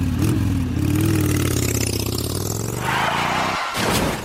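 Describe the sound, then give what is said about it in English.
A motorcycle engine revs loudly, its pitch climbing and dipping over a few seconds before a brief drop and a final surge of throttle. “Look for motorcycles and share the road.”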